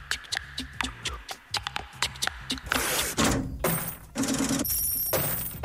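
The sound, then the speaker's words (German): Coins clink and rattle, first as a quick series of sharp metallic taps, then in denser, louder jingling bursts as they are shaken together. “Und hier klappert Geld.”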